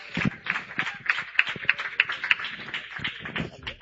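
A church audience claps in a steady, fairly quick rhythm to welcome a pastor, with sharp repeated slaps over a dense background of scattered hand claps and murmuring voices.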